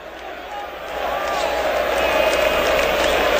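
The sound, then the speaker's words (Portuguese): São Paulo supporters at the Morumbi stadium chanting together to spur on their team, a dense, continuous wash of many voices that swells slightly louder and holds steady, with no single voice standing out. “mas pro seu lado direito a torcida puxa cânticos para empurrar o time do São Paulo.”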